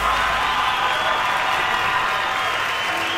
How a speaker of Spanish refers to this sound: fuertes aplausos a toda la gente que se acompaña esta tarde.